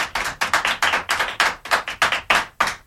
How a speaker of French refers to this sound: Voilà, les enfants vous applaudissent. Je ne sais pas si vous les entendez. Oui, je les entends, en effet.